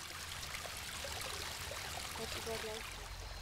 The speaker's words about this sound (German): Ein Highlight? Der Wasserfall.